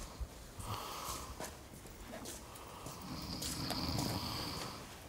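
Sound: person snoring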